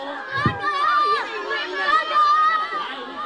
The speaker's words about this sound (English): Those are kids cheering on their favorite snail. So much enthusiasm. The town puts on an annual snail race as a way to bring in tourists.